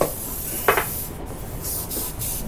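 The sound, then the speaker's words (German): Hairspray hisses out in a steady, airy spray onto a bride's wedding hairstyle in a hotel room at 10 in the morning, with a brief louder burst early on and a few pulsing surges later. No one speaks. “Es ist 10 Uhr morgens, als der Sprühnebel des Haarsprays sich auf die Hochzeitsfrisur der Braut legt.”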